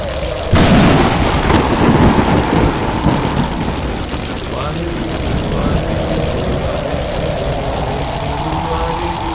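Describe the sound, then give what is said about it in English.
A sharp, loud thunderclap bursts in near the start, followed by a continuous heavy roar and rumbling of a raging storm that carries on steadily to the end. “The powers of the storm shall not come near those filled with the light of God.”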